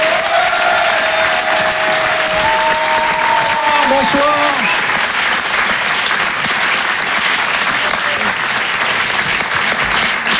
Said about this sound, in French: Et en live ce soir sur la scène de Rire et Chanson Comedy Club, applaudissez-le s'il vous plaît